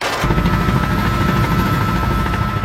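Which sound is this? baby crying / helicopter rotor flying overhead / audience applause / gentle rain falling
helicopter rotor flying overhead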